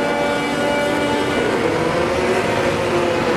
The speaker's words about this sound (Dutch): Weet je, nee, het zijn de Formule 1-auto's die zich aan turbo lag aan het ontdoen zijn.